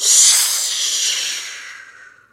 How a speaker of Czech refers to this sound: Ještě však z dohledu neodběhl, když se za ním ozval táhlý, pronikavý hvist.